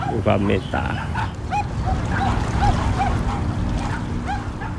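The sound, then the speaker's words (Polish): Dogs yap and bark in quick, repeated bursts over a constant low motor rumble of a boat engine running throughout, aboard a boat on the Chao Phraya river. “Zdarzyło się kilka razy, że bawiąc się albo dokuczając na łodzi, psy wpadły do wody, ale umieją pływać.”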